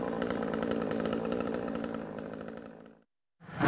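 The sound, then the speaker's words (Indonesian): A chainsaw felling trees in a forest roars steadily at full throttle with a buzzing, gritty drone, trails off into a brief silence, then revs loudly again at the end. No voices. “Hutan bukan untuk ditebang.”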